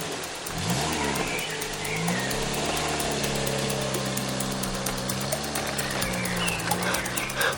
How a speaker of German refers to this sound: Der Lieferwagen startete und fuhr weg.